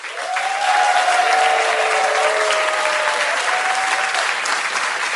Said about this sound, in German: Dieser Applaus verspricht dir das.